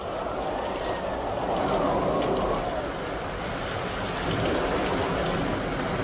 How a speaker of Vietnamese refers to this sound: Khi ấy trời đang tiếp mưa dầm gió bấc